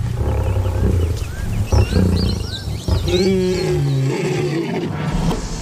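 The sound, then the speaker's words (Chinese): A lion roars loudly, its deep, rumbling calls rising and falling over several seconds against an outdoor background. “稀树草原上的大部分动物都要绕着狮子走。”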